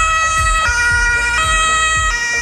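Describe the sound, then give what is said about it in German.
A loud two-tone fire engine siren in Bremerhaven, on a call to rescue a hedgehog stuck in a pipe, alternates between high and low pitches in a steady rhythm, with a low engine rumble underneath and no voices. “Ja, was für einen ungewöhnlichen Einsatz hatte die Feuerwehr denn in Bremerhaven?”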